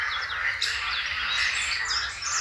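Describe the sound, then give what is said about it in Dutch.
A dense, overlapping chorus of blackcap and chiffchaff song with green frogs, recorded in Posterholt, Limburg: quick bright chirps and warbling phrases tumbling over each other at a steady loud level, with no voices and a faint low murmur underneath. “Een kakofonie van zwartkop. En tjiftjaf. En groene kikkers.”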